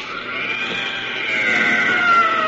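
The inhuman, bubbling cry of a blue, tentacled jungle monster as Flash shoots it point blank with a chemi gun: a loud, sustained, warbling wail with wavering high tones that swells slightly louder toward the end, with no voices.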